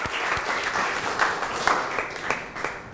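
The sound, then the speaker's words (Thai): A group of students in a class applauds at the teacher's request, a steady, dense patter of many hands clapping at once for a few seconds with no talking over it. “ผู้ครูขอเสียงปรบมือให้กับนักเรียนทุกคนอีกครั้งหนึ่งค่ะ”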